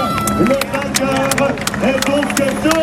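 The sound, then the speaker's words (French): A crowd in Dun-le-Palestel, Creuse, France, shouts and cheers continuously, many voices overlapping in rising and falling yells, with scattered claps and sharp bursts cutting through the steady din. “Alors c'est reparti pour des cris jusqu'à l'arrivée à Dun-le-Palestel.”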